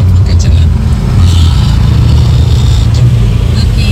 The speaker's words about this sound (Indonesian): Iya, ini saya laporkan dari flyover Kalibanteng. Ini masih padat merayap. Sampai mana ya ini ya macetnya ya? Ini flyover Kalibanteng. Tepat jam berapa ini? 18.13 flyover Kalibanteng sudah mulai macet di sini.